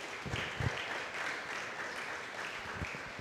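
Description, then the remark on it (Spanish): An audience claps steadily for Christ, a dense wash of many hands applauding together at moderate volume for the whole stretch, with a few heavier low thumps mixed in. “Denle un fuerte aplauso a Cristo, aleluya.”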